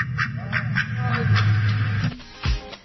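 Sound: duck quacking sound effect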